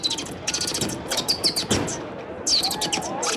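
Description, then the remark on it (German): A schoolboy imitates a sparrow with pursed lips in a bird-call imitation contest in Landshut, making quick bursts of high, bright chirps and tweets in short irregular clusters, fairly loud against a faint background. “Mit gespitzten Lippen hat der Schüler einfach einen Spatz nachgemacht.”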